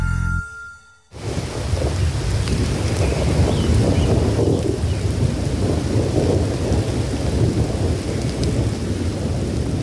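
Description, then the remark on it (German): A thunderstorm rumbles, with deep rolling thunder layered over steady, heavy rain. After a brief quiet opening, the storm noise holds loud and continuous to the end. “Erholungssuchende, Waldsportaktive und Naturmenschen werden leider oft genug von Gewittern ausgerechnet beim Waldbesuch überrascht.”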